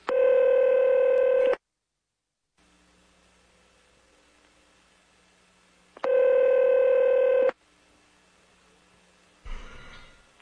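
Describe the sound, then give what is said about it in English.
Telephone dialing tones sound as two long, loud, steady electronic beeps separated by a quiet gap of several seconds, with a brief burst of noise near the end. No one speaks. “And we're going to have to get him back on the phone again.”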